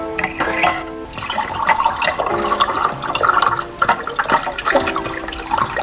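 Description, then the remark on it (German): Nut liqueur glugs and splashes steadily into a glass for several seconds, a continuous bubbling pour that rises and falls slightly in pitch, with no voices. “Da muss noch Nusslikör von meiner Tante sein. Ja, da ist noch was übrig. Möchtest du ein Glas?”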